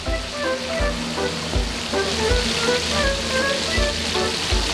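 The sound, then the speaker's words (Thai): Loud sizzling and crackling of fish frying in hot oil in a full wok over very high heat, for a fried fish dish with garlic and pepper, a continuous dense hiss with popping spatters and a few low clanks, with no talking. “แล้วก็ใส่ปลาลงไปเลย ได้แล้วนะครับตอนนี้นี่โอ้โหคู่คู่เลยมาจ้ะนี่โ อ้ระวังกระเด็น หูหนักมากครับตอนนี้ไฟแรงจัดนะฮะร้อนแม่ก็ไม่ไหวเหมือนกัน พอเลยพอเลย พอเลย เต็มกระทะ เต็มกระทะแล้ว”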